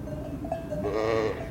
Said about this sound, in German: So typische Mutter-Lamm-Rufe sind eher so... Ja, das ist ein typisches, wo ist, ich sorge mich um mein Lamm, wo ist's? Ja. Das sind die typischen Mama-Rufe.